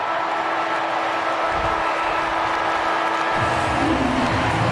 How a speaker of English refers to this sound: You'll hear the three-quarter time siren as the crowd erupts.